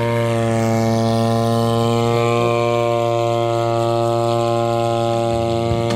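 A drone (UAV) in flight over a hillside in South Canterbury, New Zealand, used against wilding pines and noxious weeds, gives off a steady, loud droning buzz, its stacked motor tones holding an even pitch with only slight wavering throughout, with no voices present.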